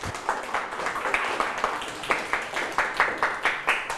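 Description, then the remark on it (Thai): A group claps in applause for a classmate who has just presented their eating goals in class, a steady patter of many hands with sharper rhythmic claps emerging toward the end. Faint voices can be heard beneath it. “อ๋อสุดยอดเลยครับปรบมือให้เพื่อนครับ”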